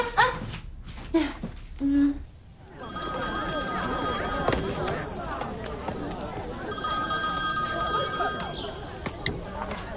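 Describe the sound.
A telephone rings out in two long, steady bursts separated by a short pause during an outgoing call to someone's brother, heard over a noisy background of crowd chatter and voices.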